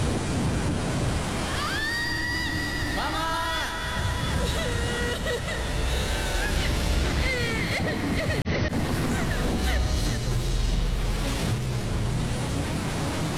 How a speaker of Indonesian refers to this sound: Ombak semakin tinggi.